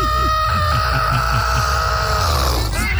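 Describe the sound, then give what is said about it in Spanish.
A voice imitates a strangled chicken squawk, like a hen whose neck is being grabbed: one loud, strained, raspy cry held for about three seconds, with no talking. “Como cuando le agarran el pescuezo a la gallina.”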